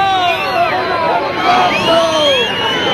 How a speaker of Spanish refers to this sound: Los abucheos que habitualmente se lleva Pedro Sánchez, estos son del desfile del pasado año, y eso que la gente estaba situada a más de 200 metros del presidente.